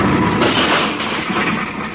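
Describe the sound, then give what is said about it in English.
A thrown bomb with a lit fuse explodes: a loud, dense roaring blast that stays steady and full for about two seconds, with a low rumble underneath and no voices. “Who tosses a bomb at us?”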